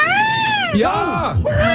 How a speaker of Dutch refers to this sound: Is weer kalkoen of zo? Kalkoen, denk ik. Ja. De pauw.